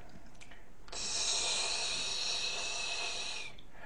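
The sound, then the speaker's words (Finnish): A person imitates a snake with one sustained, steady hiss lasting about two and a half seconds, fairly loud, with quiet before and after. “Ensimmäinen on käärme.”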